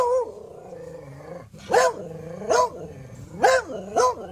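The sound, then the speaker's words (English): A pet dog growls low for a moment, then lets out four sharp, loud barks in a steady rhythm, with no other sounds around; the sounds are fed into an AI pet translator. “And we put my dog's words in.”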